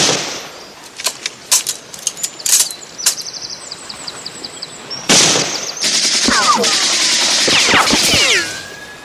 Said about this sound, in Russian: Немцы пытаются перейти брод, Женя стреляет в них.